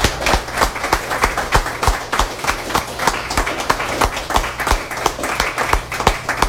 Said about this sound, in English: So give yourselves and everybody else another hand.